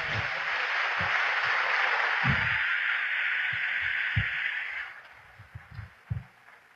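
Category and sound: crowd, applause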